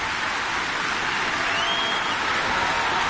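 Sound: concert audience applauding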